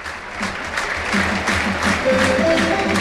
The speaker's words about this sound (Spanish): Y otro que se marcha es Víctor Moreno. Para que entre Martín Péchar. El Heliodoro que aplaude.